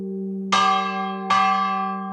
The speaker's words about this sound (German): Jeden Sonntag um 8:15 setzt er seine Lärmschutzkopfhörer auf und schwingt dann mit viel Kraft den Klöppel der Kirchenglocke von Wölbersbach.